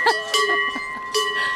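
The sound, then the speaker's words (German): Cowbells clank and ring as cows, among them Moni and Sissi, the heaviest cow, are herded out, with a few distinct strikes over about a second and a half and the bell tones lingering between them. “Sissi ist unsere schwerste Kuh.”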